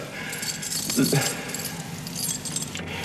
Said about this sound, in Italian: Guarda, ho buttato via le chiavi. Per farmi capire che non è più la padrona.